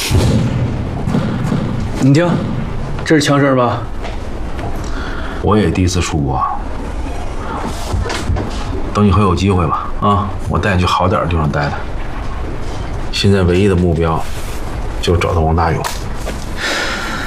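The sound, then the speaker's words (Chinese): Gunfire pops and thuds at irregular intervals, muffled, beneath people talking in the foreground. “你听，这是枪声吧？”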